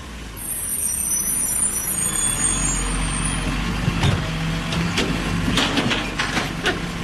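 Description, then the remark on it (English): A garbage truck rumbles steadily with a heavy low engine drone, a high hissing whine of air brakes early on, then scattered metallic clanks and bangs. No one speaks. “A garbage truck. Please, garbage truck.”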